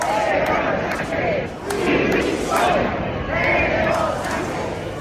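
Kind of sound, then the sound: crowd, crowd shouting protest chants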